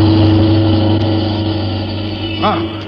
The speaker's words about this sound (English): Hey, look at that car coming up the street, would you? Hey, Nick, watch out! That car is headed right at you! Jump, Nick!